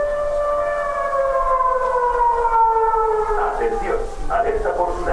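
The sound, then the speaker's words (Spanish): A long-range civil defense warning siren in Cádiz, Spain, sounds a long, steady wail that slowly drops in pitch, fairly loud throughout, with a person starting to talk over it in the last seconds. “También la instalación de señalética y de 3 sirenas de alerta de largo alcance.”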